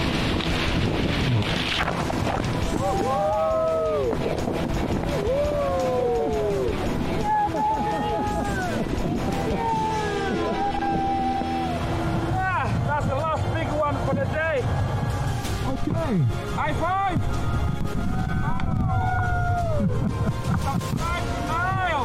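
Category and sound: vehicle, boat on river water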